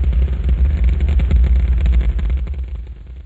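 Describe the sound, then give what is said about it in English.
A Saturn V rocket launching at Kennedy Space Center, moving off the pad and clearing the tower with thrust on all five engines: a loud, deep, continuous rumble with a crackling texture, steady throughout and easing slightly at the very end, with no voices. “It's just like daylight here at Kennedy Space Center as the Saturn V is moving off the pad.”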